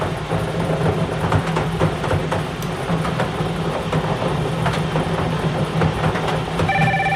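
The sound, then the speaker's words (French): A telephone rings during a radio bingo game, amid a dense, steady wash of background noise, with a clear electronic ring tone standing out briefly near the end. “Alors, le téléphone sonne.”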